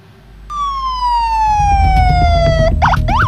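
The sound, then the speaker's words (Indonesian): An ambulance siren wails, its long tone sliding slowly downward before switching to a rapid yelping pattern, with a deep engine rumble underneath and no talking, as ambulances arrive at the site of an Israeli drone strike near Al-Wafa hospital in Gaza City. “Sejumlah ambulans berdatangan ke lokasi ledakan di dekat rumah sakit Al-Wafa, kota Gaza.”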